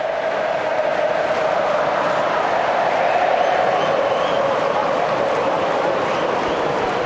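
A huge stadium crowd of football fans chants together in a steady, sustained roar, voices blending into one dense wall of sound that holds at full volume throughout.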